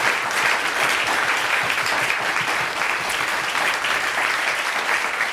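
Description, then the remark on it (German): A crowd applauds steadily, a dense wash of many hands clapping at an even, loud level throughout with no pauses, and no voices stand out. “Einen Applaus für unsere Kollegen von der Technik, bitte.”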